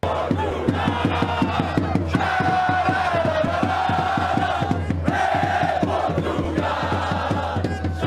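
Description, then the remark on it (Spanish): A large crowd of Portuguese football fans chants loudly in unison in the streets of Houston, Texas, during the World Cup, voices rising and falling over a steady, rapid beat of drums or claps that runs throughout without pause. “Vea y escuche el ambiente que están armando los seguidores portugueses en las calles de Houston, en Texas.”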